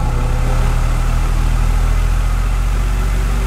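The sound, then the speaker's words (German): An electric fan runs steadily, a constant rush of blowing air over a low motor hum that never changes in level, with no voices. “Unser letztes Rätsel bei den Ferienspielen klang nach ordentlich Wind und der absolute Rettung ist das oft im aufgeheizten Wohnzimmer, wahlweise Schlafzimmer.”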